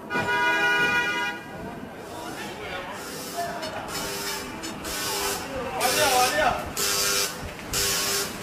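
A Hong Kong "ding ding" tram slowly rumbles through dense city traffic at 12 noon, with a sustained horn tone at the start, scattered honks, and repeated loud bursts of hissing noise passing by.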